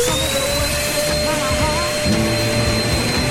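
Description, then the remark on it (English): A loud, steady vacuum cleaner drone with a high whine runs continuously, almost burying an original song playing faintly underneath it. “These are the original songs, but with someone hoovering over them, okay?”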